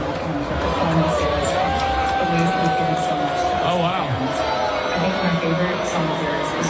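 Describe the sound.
A large concert crowd roars steadily throughout, a dense wash of booing and cheering voices reacting to a video shown at the concert, with a person briefly exclaiming over the noise.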